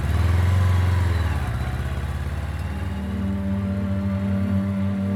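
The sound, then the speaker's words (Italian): A motorcycle engine runs with a steady, throbbing low rumble, its pitch dipping briefly then settling into an even idle-like drone throughout. “Il 18 luglio del 1944, in motocicletta parte da Cecina verso Napoli.”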